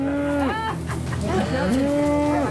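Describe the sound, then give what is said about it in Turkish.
A herd of cows, animals of about 700 kilograms each, moo loudly while following two donkeys off their usual route: long drawn-out calls overlapping one after another over a steady background of farm noise, with no talking. “İki eşeğin peşine takılan inek sürüsü her zamanki güzergahından çıkmış durumda.”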